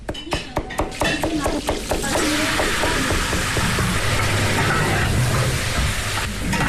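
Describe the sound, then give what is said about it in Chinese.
Food sizzles in a pot in the kitchen of a farmhouse restaurant run by a couple in Dongxu Village, Qinghai, at lunchtime. Quick rhythmic metal clanks of stirring come first, then a loud, steady frying hiss fills the rest, with no one speaking. “午饭时分，村里一对夫妻开的农家乐里飘出了饭菜香，主人在厨房里忙得脚不沾地，锅里滋滋作响。”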